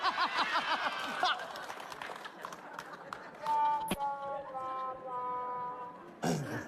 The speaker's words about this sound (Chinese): 感谢现场叔叔阿姨们热烈的掌声啊！ 感谢感谢叔叔阿姨对我们年轻人的支持和鼓励，谢谢大家，太热情了。